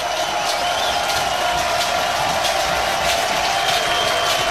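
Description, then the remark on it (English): A stadium crowd at a baseball game between Oklahoma and the Jayhawks stands and cheers on a full count in a loud, steady roar that holds for several seconds, with scattered claps and shouts rising through the dense wash of noise. “Crowd stands.”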